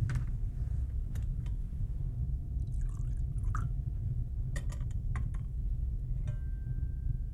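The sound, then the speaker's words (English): A brief, faint trickle of water poured into a chalice of wine during a liturgical blessing prayer, lasting about a second, with a few light clinks and taps before and after over a low, steady hum. “By the mystery of this water and this wine, may we come to share in the divinity of Christ, who humbled himself to share in our humanity.”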